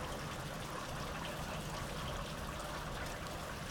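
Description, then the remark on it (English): Soft, steady summer rain in Southeast Estonia with a continuous even hiss and faint trickling water, unchanging throughout, with no voices. “You are listening to Framework, coming to you here from the summer rains of Southeast Estonia.”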